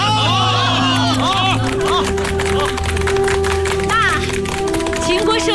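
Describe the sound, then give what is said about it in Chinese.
A crowd of people applauding news that a co-written book won a national award, steady rapid clapping that carries on throughout, with excited voices and cheering mixed in over the noise. “大家鼓掌。”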